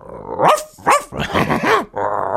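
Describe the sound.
A person imitates a dog, first a small dog and then a bigger one, with a quick series of four or five loud, growly barks and yips, with brief pauses between them.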